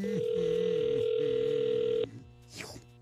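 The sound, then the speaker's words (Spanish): A steady telephone dial tone hums for about two seconds as a call is being placed, with faint voices murmuring beneath it, then cuts off abruptly and is followed by a brief swooping chirp. “Entonces, márcale, por favor.”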